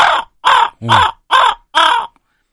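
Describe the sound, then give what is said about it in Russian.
Five loud, harsh raven caws come in an even rhythm, each a short raspy burst with a brief pause between, and no other sounds around them. “у меня написано, значит, звуки тайги, хрипы лошадей, крики коровки. А, воронов, господи, я коровы читаю.”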